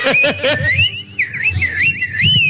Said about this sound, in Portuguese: Ó, diz que é perigosíssimo assobiar em casa à noite, viu?